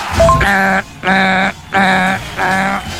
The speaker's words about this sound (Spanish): No fui el único, viejo, ve. Es que hasta el perro se asustó. En serio.